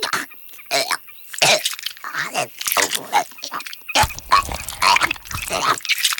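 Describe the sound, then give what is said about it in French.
A barn owl regurgitates food it swallowed whole, some hours after its meal, in a rapid run of harsh, croaking gags and wet heaves, loud, with short pauses between the bursts. “Oh, c'est dégoûtant, la chouette vomit.”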